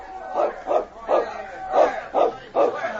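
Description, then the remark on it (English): A dog barks and yips in a quick series of about six short, sharp calls at a steady rhythm, mixed with whimpering, at a burning warehouse, over faint background murmur. “Hey, look at that dog. Where'd he come from?”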